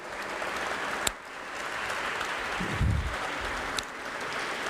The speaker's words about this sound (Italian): Avete ascoltato, facciamo ancora un bel applauso, la corale in sacris da Sofia, Bulgaria.